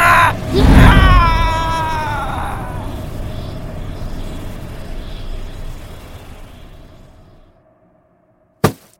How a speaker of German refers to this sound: Valentin rammte den Stab direkt in die Brust des Geistes. Mit einem lauten Schrei wurde die Hülle des Geistes in den Kristall des Stabes gesungen.